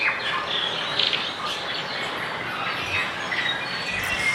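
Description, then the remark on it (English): A dense chorus of birds chirping and calling all at once, steady and continuous, with overlapping high tweets and occasional squawks layered over a soft hiss of forest ambience. “We'd find the climate colder if we went back there in the time machine, but along with our teeth chattering would be all the birds doing the same, so many birds.”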